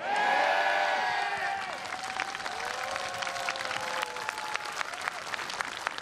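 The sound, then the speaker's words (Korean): A large audience at a lighting ceremony claps steadily with scattered cheers and whoops rising over it, loudest at the start and then settling into dense, continuous applause. “네, 근데 여기 계신 분들의 큰 박수와 호응이 있어야 오늘의 무대가 완성되는데요.”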